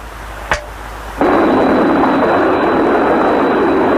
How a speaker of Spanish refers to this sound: Nos estamos aproximando. Así que trata de escuchar el sonido de nuestros jets. Cruzando la costa del Pacífico.